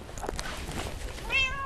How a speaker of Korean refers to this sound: 고강도 재개발 지역에 남은 고양이들을 보살피러 가고 있습니다. 같은 시간, 같은 골목에서 밥을 기다리는 고양이들. 럭키, 기다려.